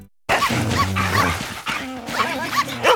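A dog barks and yips in short bursts, then lets out high, wavering whimpers, fairly loud, with no one talking.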